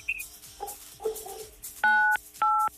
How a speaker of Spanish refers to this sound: Eso, apachúrrale 987 a tu teléfono.